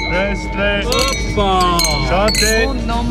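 Several wine glasses clink together in a toast at the largest wine festival in German-speaking Switzerland, in Döttingen, their bright rings overlapping in quick succession over a lively background of crowd chatter and voices.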